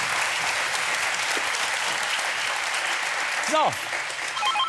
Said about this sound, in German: Begleitet vom Applaus unserer Zuschauer.